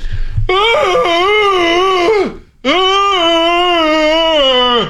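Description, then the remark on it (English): A person imitates the loud wail of a fairly big pet dog with two long, loud, sustained howling tones, the first wavering and dipping at the end, the second steady and held before trailing off. “I'll have to try to recreate it myself.”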